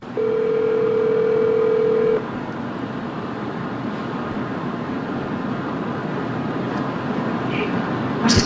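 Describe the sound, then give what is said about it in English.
A steady telephone tone hums for about two seconds, then gives way to a hissy, noisy phone line with a few faint beeps as a call is placed. No one speaks. “So he called, and this happened live. Here's what that phone call was like.”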